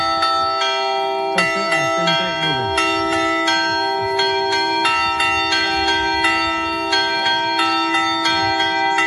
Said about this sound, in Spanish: Ya de niño, fíjate, identificaba cada toque de campana, como por ejemplo el de tormenta, también llamado anublado.